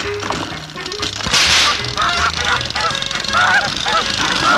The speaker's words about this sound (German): Die blöde Gans ist gekommen!